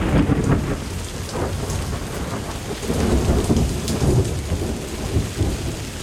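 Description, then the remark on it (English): Deep rolling thunder rumbles continuously through a heavy downpour in pitch darkness with lightning, the low booms swelling and fading over steady rain hiss, loud with no voices. “The air trembled with lightning. Thunder and horrible cries for help from the drowning people.”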